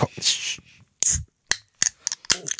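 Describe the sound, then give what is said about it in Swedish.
A bottle of raspberry soda is opened: a burst of fizzy hissing, another short rush of gas, then several sharp clicks and rattles from the cap and bottle. “Jag har ju en liten tradition, det är ju att varje fredag så måste jag ju öppna min hallonsoda.”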